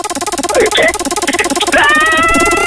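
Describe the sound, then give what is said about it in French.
A spinning roulette wheel effect used for a concert-ticket giveaway game on Skyrock radio: a fast, steady run of loud ticking clicks, with bright chirpy tones sliding over them and a sustained ringing tone joining in near the end. No voices. “Bon, bah écoute ce bruit. Tu l'as attendu, tu l'as voulu. Voici la roulette.”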